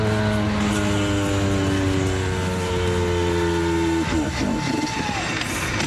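An old car engine runs with a loud, steady droning hum whose pitch sinks slowly, then near the end it gives way to a rougher, uneven rumble.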